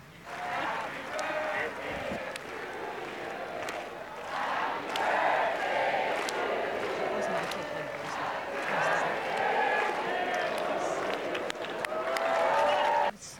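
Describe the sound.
A large crowd sings Happy Birthday together, a dense, loud wash of many voices that holds steady for the whole stretch, sounding like a packed venue or stadium.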